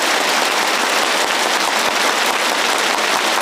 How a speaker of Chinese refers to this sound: 中朝两党总书记到来时，师生们一起站立，向两党总书记报以热烈的掌声。